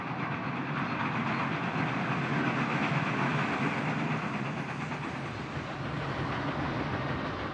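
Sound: train running on rails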